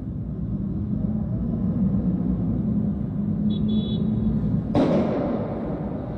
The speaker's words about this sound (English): This is somebody who is in a office tower or high rise of some kind right across the street. You can hear the explosion through the glass of this person recording it.